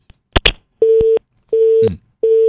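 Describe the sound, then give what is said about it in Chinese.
A couple of sharp clicks, then steady telephone call tones as a hotline editor calls the Liaoyuan City Civil Affairs Bureau. Three even beeps sound at a regular rhythm with short gaps, clear and fairly loud with no talking. “我们的热线编辑呢正在和辽源市民政局工作人员在联系。”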